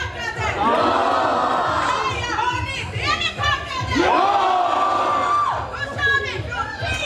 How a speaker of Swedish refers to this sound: Och vi ser ju också folkhavet här där vi står, ska jag säga. Det är mycket paraplyer för det regnar ju.